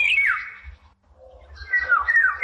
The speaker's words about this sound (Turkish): Bu programda kullandığımız kuş sesi kayıtlarından Sarasma'yı Cumhur Palas 4050 ve Babil'i Ergün Cengiz Kars, Yalı Çapkını da Berkay Alagöz Bursa'da kaydetmişler.